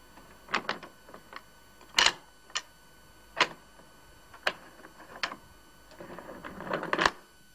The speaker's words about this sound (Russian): Та же рука закрывает глазок и 6 замков на двери.